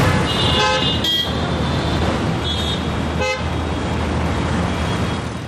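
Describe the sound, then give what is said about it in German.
Ordinary everyday street traffic in Delhi, India, with no traffic jam, rumbles steadily while several car horns honk over it, a couple of short toots early on and another sharp blast later, with no one speaking. “Das war jetzt nur mal ganz normaler Alltagsverkehr, ja, ohne Stau, ohne irgendwas.”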